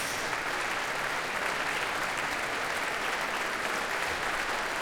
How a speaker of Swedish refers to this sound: George Benjamin kommer ut på scenen igen för att ta emot publikens applåder.